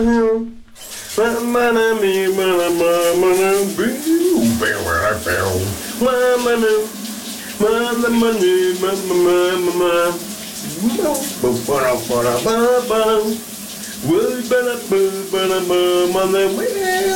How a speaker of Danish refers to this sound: han har taget en mikrofon med i bad, og så synger han simpelthen dagens brusebad sit.